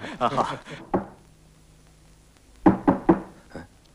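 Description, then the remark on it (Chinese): Someone raps on a door: a quick burst of knocks, a single knock, a brief pause, then three firm knocks and a softer final tap, fairly loud. “哎， 赶快开门。”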